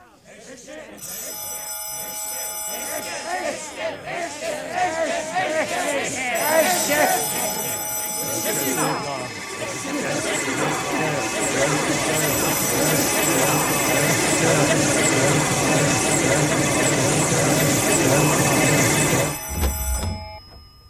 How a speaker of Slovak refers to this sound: Že keď nedvíhate telefón, Myslela som, že kto toľko vyzváňa. Zdvihnite a budete vedieť. Asi tam nie je. Alebo nedvíha.